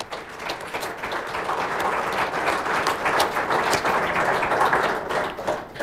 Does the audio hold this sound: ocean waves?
no